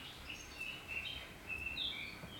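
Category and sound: bird, small birds chirping outdoors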